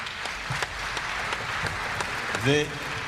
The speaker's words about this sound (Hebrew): והקהל הזה הוא באמת קהל מדהים. אני מסתכל עליכם כל השעתיים וחצי האחרונות, ואני אומר לעצמי, גאווה, באמת גאווה. מחיאות הכפיים הם לכם.